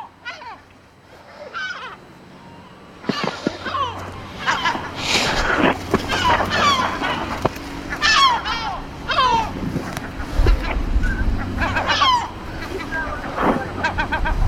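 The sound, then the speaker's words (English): A seagull repeatedly dive-bombs people near its young, giving repeated harsh, squawking calls in bursts over a steady wind-like rumble and outdoor background noise. “The seagull is constantly dive bombing.”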